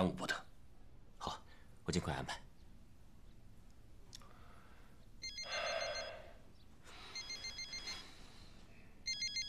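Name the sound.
phone ringtone ringing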